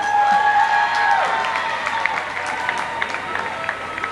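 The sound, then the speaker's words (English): A single steady, blaring air horn blast sounds over a noisy, cheering crowd, dipping in pitch as it cuts off after about a second, then clapping and cheers carry on. “Oh yeah, get that air horn.”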